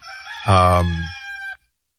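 A single loud rooster crow rings out up close, a strong rising call held for about a second before cutting off sharply into silence.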